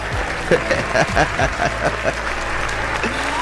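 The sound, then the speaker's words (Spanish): A short round of applause: quick, irregular claps from a few hands over a steady low hum, dying away after about two seconds and leaving only the background noise. “Mira, un aplauso.”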